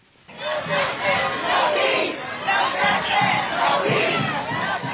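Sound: protest crowd chanting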